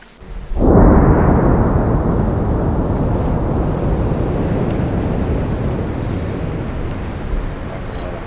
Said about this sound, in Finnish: Tuolta kuulostaa, kun 25 tonnia räjähteitä posautetaan taivaan tuuliin puolustusvoimien Kittilän Hukkakeron massaräjäytysleirillä. Aivan ensimmäistä kertaa puolustusvoimat ei ole räjäyttelemässä vanhoja ammuksiaan Kittilässä.